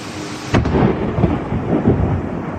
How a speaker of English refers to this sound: This is an amazing video of a close-up lightning strike. You've probably seen some videos like this before, but I think the sound with this one was just incredible.